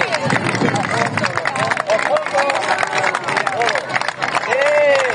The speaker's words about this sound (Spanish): Un año más, una cadena humana de personas han abrazado este fin de semana al Mar Menor. ¡Viva el Mar Menor! ¡Que siga limpio! ¡Un aplauso fuerte!